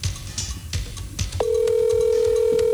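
A few sharp taps and clicks, then a steady, clear phone ringing tone of a normal phone call, not a WhatsApp call, starts and holds unbroken at an even level to the end. No one speaks.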